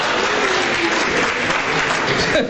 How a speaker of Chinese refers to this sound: 谢谢大家雷鸣般的掌声，谢谢。